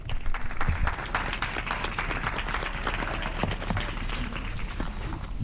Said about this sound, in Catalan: Un fort aplaudiment per ells i elles.